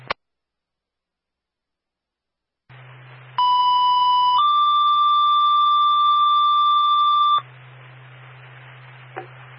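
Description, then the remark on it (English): A loud two-tone fire dispatch paging alert over radio static: a steady tone for about a second, then a slightly higher tone held for about three seconds before the hiss returns. It pages unit A3 to a medical alarm activation on Route 1 Mineral Street, Springfield. “Send us your tone.”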